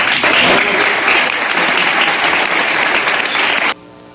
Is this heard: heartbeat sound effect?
no